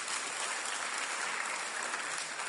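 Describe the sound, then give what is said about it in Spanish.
A crowd breaks into steady applause for two volunteers called up for a balloon-inflating game, many hands clapping densely and continuously at an even level for a couple of seconds, with no voices standing out. “A ver, una señorita, eso, aplauso para los dos valientes.”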